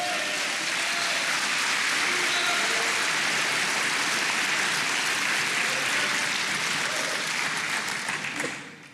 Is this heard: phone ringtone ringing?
no